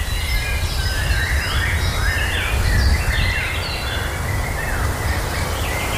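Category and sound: bird, birds singing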